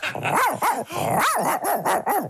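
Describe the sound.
A person imitates a dog, letting out a rapid series of about five loud, close barks and yips in quick succession, sounding convincingly canine.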